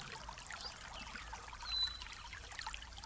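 A steady, soft wash of flowing water heard from a distance, a faraway waterfall of crystal-clear, pure water, continuous and low in volume with a slight swell midway and no voices.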